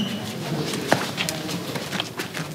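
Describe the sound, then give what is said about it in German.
Homing pigeons stir inside a basket before being released: soft scratching, shuffling and brief wing flutters with a few sharp taps over a steady airy background, no one speaking. “Die Brieftaube ist Symbol dafür, dass Losgeschicktes zeitverzögert ankommt und immer ungewiss.”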